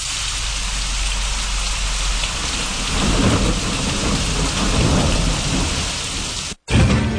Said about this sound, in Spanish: Y en Bonao está medio nublado a nublado en la tarde, aguaceros, tronadas y ráfagas de viento.